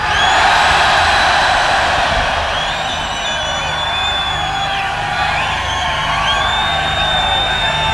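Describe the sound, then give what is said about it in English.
A loud, sustained crowd roar of cheering and whooping, in response to being asked to make some noise, holding steady for the whole stretch, with scattered high shouts and whistles rising above the dense wash of voices. “Oh, make some noise, you lot.”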